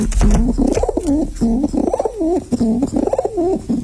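A pigeon coos repeatedly in low, throaty, rolling phrases, fairly loud, with a steady rhythm of soft burbling calls and no talking.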